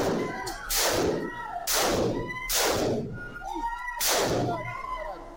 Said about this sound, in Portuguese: A operação policial dentro de um bar onde estavam várias pessoas foi filmada por testemunhas no local, em que as imagens mostram o momento em que são disparados 5 tiros à queima-roupa contra um homem imobilizado.